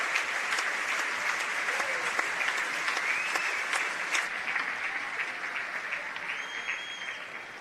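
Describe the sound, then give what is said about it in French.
Sustained, dense applause from a large crowd on its feet, steady and loud throughout with a few faint whistles rising above the clapping, easing slightly toward the end. The audience stands for the third time to applaud Michel Laplante. “La troisième fois qu'on se lève pour applaudir chaudement Michel Laplante.”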